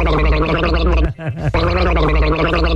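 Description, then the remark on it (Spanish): A person gargles loudly and steadily, a wet, throaty bubbling with a voiced buzz, broken by a short pause midway before the gurgling resumes for another stretch. “Mándale al viejito reincidente unas gárgaras porque le dieron agua de calzón.”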